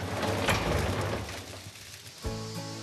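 A cement mixer, with water poured in, churns with a steady rumbling, grinding drone, then its motor is turned on and settles into a humming tone with a low pitched whine. No one speaks.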